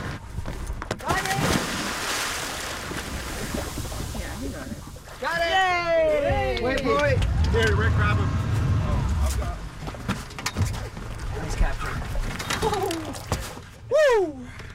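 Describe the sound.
A sudden loud splash as a scientist jumps from a boat into the water to grab a turtle for monitoring, followed by several seconds of churning and sloshing, with excited voices shouting and talking around it outdoors.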